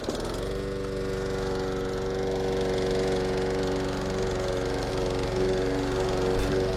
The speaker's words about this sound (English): We noticed that lots more people are out and about at the moment, council workers, maintaining your local park and your local garden, mowing the grass, doing the whippersnippering, making sure things are looking pretty.